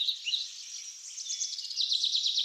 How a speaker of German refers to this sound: Die Stimmung hier ist ganz speziell. Es ist ruhig, nur das Vogelgezwitscher ist zu hören.